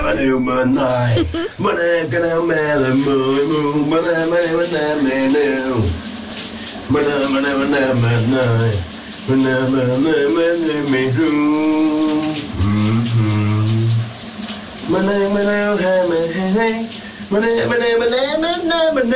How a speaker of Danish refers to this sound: også synge en lidt spidsfindig sang i bruseren. Det er også meget genialt. Kan du høre, hvad det er for en sang, der venter på dig?